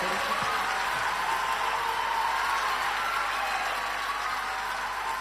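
Sustained audience applause, a dense, steady wash of clapping hands at an even loudness for about five seconds, with no voices standing out.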